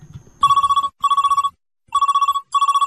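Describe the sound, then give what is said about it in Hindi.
A telephone rings for an incoming listener call on the Radio Sakhi phone-in show in four loud, warbling bursts with short gaps between them, clear, after a brief low rumble at the start. “तो देखते हैं कौन श्रोता है फोन पर, लेते हैं ये पहला कॉल.”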